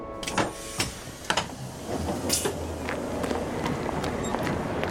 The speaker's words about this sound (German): mein Zug fährt mittlerweile auch wieder. Nächster Halt, Frankfurt Flughafen, Fernbahnhof.